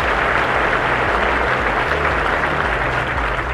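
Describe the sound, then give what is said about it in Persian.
An audience applauds steadily, a loud, dense wash of many hands clapping that holds at an even level throughout, with a low hum underneath and no voices. “فعلا تشویق کنیم.”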